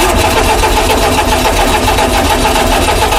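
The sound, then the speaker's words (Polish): An old Fiat 126P car engine, a model built at the Żerań car factory in Warsaw, cranks and turns over, giving a loud, steady, rattly mechanical roar that runs unbroken for the whole few seconds with no voices. “Jak słyszymy, czasem kapryśny, dla wielu symbol minionego systemu, Fiat 126P, czyli tak zwany duży Fiat.”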